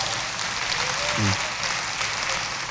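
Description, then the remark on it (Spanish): An audience applauds steadily for a few seconds, a dense, even wash of clapping from many hands, with a brief voice rising faintly through the middle. “Yo sabía que usted iba a aplaudir. ¿Y cómo no aplaudir semejante experiencia?”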